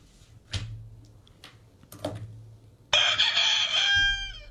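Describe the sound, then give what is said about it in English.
A rooster lets out a loud, harmonic crow that sustains for over a second, preceded by a few short thumps and rustling noises, with no talking. “Okay, and Edwin Diaz doesn't like to fight roosters.”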